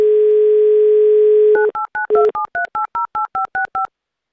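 A steady telephone dial tone hums for about a second and a half, then gives way to a quick run of about eleven evenly spaced touch-tone beeps as radio hosts dial a listener.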